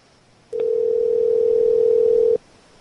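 A single ringback tone of an outgoing phone call: one steady, loud electronic hum lasting about two seconds, then cutting off into quiet. No one speaks.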